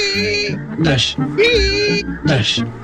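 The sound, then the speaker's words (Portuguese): Worn windshield wiper blades squeak across glass in four rhythmic passes, each a shrill, whining squeal with a bright, harmonic edge, fairly loud and with no talking. “Não, não é apenas o barulho das escovas gastas.”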